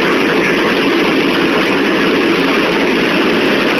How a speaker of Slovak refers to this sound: Poruchu spôsobila prasknutá trubka v nočných hodinách z pondelka na utorok a aj podľa zvuku je zrejmé, že do priestoru určitý čas unikalo značné množstvo vody.